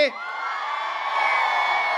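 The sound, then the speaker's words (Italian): A large crowd at the 105 Summer Festival roars and cheers continuously, a dense wash of many voices with whoops and shouts rising slightly in the second half, loud and sustained without any single speaker. “Voglio sentire la prima fila al mio 3 che dà l'energia fino là in fondo.”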